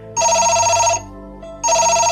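A telephone rings twice, each ring a loud, steady, bright electronic trill with a short pause between. The second ring is cut off at the end, and no one speaks.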